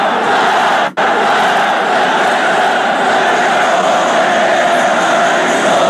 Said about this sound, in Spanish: El grito de la alegría